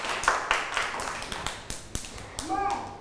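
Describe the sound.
Children clap their hands in a loose, uneven patter of sharp claps lasting a few seconds. A child's voice rises briefly near the end.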